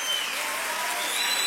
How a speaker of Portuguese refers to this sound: Aplauda, Senhor.